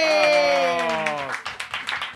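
A sustained, falling voice-like tone rings out, then scattered hand claps break into a brief burst of applause that rises and thins over a couple of seconds.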